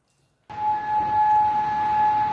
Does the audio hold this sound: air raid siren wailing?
yes